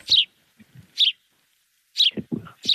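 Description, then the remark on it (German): A sparrow chirps in short, bright bursts, about four quick calls spaced irregularly, clear, with faint low rustling or thumps between them. “Das ist kein Buchfink. Das ist ein Spatz.”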